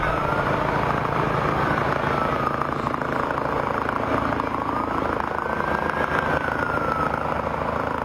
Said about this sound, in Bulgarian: Площадът се превърна в полева болница, а за най-тежко пострадалите пристигна медицински хеликоптер.